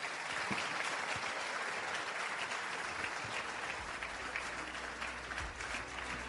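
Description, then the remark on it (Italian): An audience claps steadily for the Honourable Nazario Pagano, president of the Constitutional Affairs Committee, a dense wash of applause that holds at an even, loud level for several seconds with no voices standing out. “Salutiamo il segretario regionale e il presidente della Commissione Affari Costituzionali e facciamo un grande applauso all'onorevole Nazario Pagano.”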